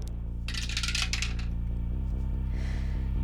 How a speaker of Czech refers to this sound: Připravená věž, do které hodíme kostku.